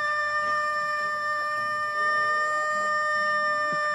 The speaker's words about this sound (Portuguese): Que não levantou ainda e toca o galo atribulado aí pra mim, por favor. Deus abençoe. Escuta o galo atribulado.